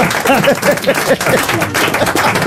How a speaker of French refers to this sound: On applaudit les frères Legault. Bravo.